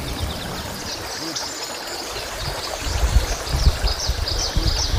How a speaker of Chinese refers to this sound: 清澈的河水源自高原融雪，用河水清洗食材，也正是延续着古老而传统的方式，尽显天人和谐的本色。